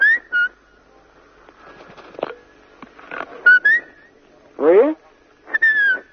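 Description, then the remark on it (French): A pet bird whistles several short, clear notes interspersed with scratchy chatter and a rising squawk, fairly loud, with brief pauses between phrases. “Tu siffles bien, lui.”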